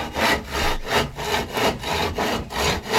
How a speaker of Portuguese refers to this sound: Cadê a serra aí? Com martelo, serrote. Ah, cortou tudo. Meteu o serrotão, moça, galera.